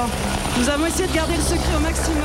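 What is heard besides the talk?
helicopter approaching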